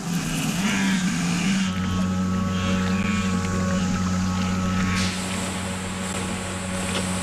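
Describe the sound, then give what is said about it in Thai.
A small boat with a camera mounted on its bow hums steadily on the water as it is used to lure bear cubs into the water; its low drone is continuous, with a second deeper engine tone joining partway through and faint splashing and chatter in the background. “ผมจะลองกระตุ้นลูกหมีให้ว่ายน้ำโดยล่อพวกมันเข้าหาเจ้าเรือลำนี้จะมีกล้องติดอยู่ตรงหัวของมันซึ่งผมหวังว่ามันจะช่วยให้เราเข้าใกล้พวกลูกหมีได้ถึงตอนนี้พวกมันยังลังเลที่จะลงน้ำเอาละผมอยากเห็นว่าเรือจะล่อพวกมันได้ไหม”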